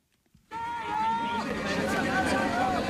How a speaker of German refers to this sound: Die Zuschauer fiebern mit, feuern an auf den letzten Metern eines Sportwettbewerbs in der ausverkauften Shanghaier Messehalle.